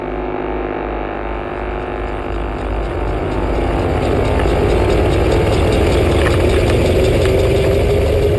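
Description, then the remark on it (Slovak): A car engine runs steadily, a loud low rumble that idles at first, then grows slightly fuller and busier midway as if pulling away. No voices are heard. “Posadili nás do auta.”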